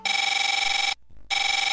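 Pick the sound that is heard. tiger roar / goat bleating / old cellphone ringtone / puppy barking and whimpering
old cellphone ringtone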